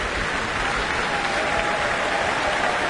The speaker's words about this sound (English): Wow, this is a lovely atmosphere now. Everyone's calling her back for more, for another round of applause.